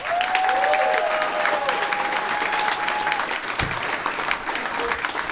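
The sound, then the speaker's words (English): A crowd bursts into loud, sustained applause for comedian Tom Simmons, dense clapping mixed with cheers, and a long shrill whistle rings out over the first few seconds before the clapping carries on steadily. “Make a lot of noise for the very funny Tom Simmons.”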